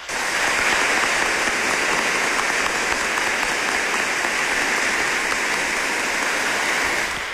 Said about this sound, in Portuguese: Foi uma preparação e hoje, então, acendemos a vela que simboliza o dia de Santo Antônio e assim completamos nossa caminhada. Vamos aplaudir esse gesto.